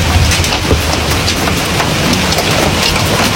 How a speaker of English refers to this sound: She, in fact, shared a video of hail pounding down.